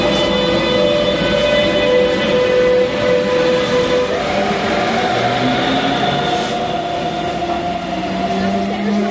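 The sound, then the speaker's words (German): A busy railway station as an S-Bahn train rumbles by, with a steady mechanical drone and a sustained tonal whine from brakes or motors, and faint background voices mixed into the constant noise. “Wir sind auf dem Bahnhof und fahren jetzt zum Flughafen.”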